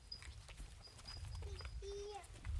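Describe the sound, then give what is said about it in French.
Cows shuffle and plod off across the ground, their hooves thudding softly over a low outdoor rumble, with a few thin chirps rising faintly in the background. “C'est les vaches.”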